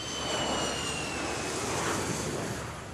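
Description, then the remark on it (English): A jet airplane heading for New York on the east coast of the US roars steadily overhead, a broad continuous engine rush with a faint high whine, loud and sustained throughout with no voices. “Time to jump on a plane again, but this time we're heading for the east coast of the US, to New York.”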